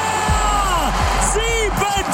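A loud, dense football crowd roar with overlapping shouts and whoops, voices rising and falling in pitch over a constant low rumble, sustained throughout without a pause, cheering a goal by Havertz in Germany's first World Cup match, a 7–1 win against Curaçao.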